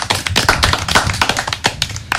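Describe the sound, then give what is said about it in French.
A short burst of steady applause for a columnist after her first segment on a show, many hands clapping in a dense, crackling patter that stays loud and even throughout, with no voices over it. “Allez, on l'applaudit quand même.”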